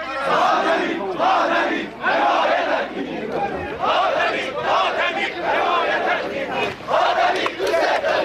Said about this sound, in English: we love you, the crowd shouts,